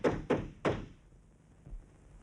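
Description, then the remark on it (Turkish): Three heavy thumps pound on a locked door in quick succession, loud, followed by a faint fourth knock after a short pause. “Bu kapı hiç açılmayacak!”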